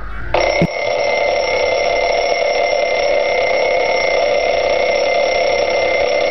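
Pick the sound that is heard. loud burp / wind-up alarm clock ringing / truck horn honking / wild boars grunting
wind-up alarm clock ringing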